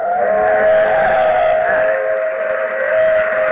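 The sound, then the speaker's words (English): An old steam train sounds a long, steady, loud whistle over a broad hissing, rumbling roar that holds unbroken for several seconds, with no one speaking. “There's a train coming. It's an old steam train.”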